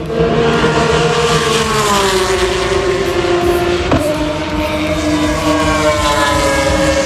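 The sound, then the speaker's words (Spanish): Formula 1 race cars roar past at high volume at the Spanish Grand Prix in Madrid, their high-pitched engine whine sustained throughout, with one car sweeping by at the midpoint and dropping in pitch as it passes. “Así suena la Fórmula 1 en Madrid.”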